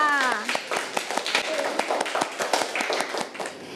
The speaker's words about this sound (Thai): ปรบมือให้กับกลุ่มที่สองค่ะ